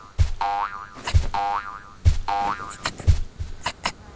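boing effect

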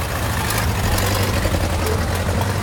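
car engine running

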